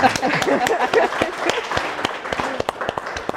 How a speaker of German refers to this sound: Aber erstmal hier dein Applaus, Dagmar.